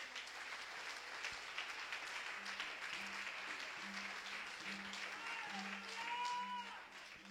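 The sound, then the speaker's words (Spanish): An audience at a Spanish-language church service breaks into sustained applause for 'the King', a dense wash of many hands clapping at steady loudness, with a low repeating tone and a few rising, wavering notes near the end. “Dele aplauso al Rey.”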